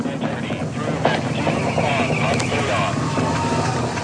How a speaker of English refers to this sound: now about 1 minute in flight, the SLS rocket traveling faster than the speed of sound. Engine's about to throttle back as it approaches max Q, the point of greatest aerodynamic pressure on the vehicle.